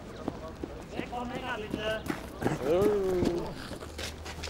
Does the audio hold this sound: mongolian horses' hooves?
yes